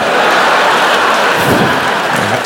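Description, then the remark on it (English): A handful of nickels is thrown, a steady shower of coins clattering down for a couple of seconds, a dense, loud metallic patter that runs continuously like hail, with no voices over it. “Yeah, that's when you throw change on sluts.”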